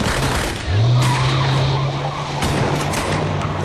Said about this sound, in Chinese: 小黑听罢，赶紧加了一脚油，卡车拐了个弯，怒吼着向医院的后门奔去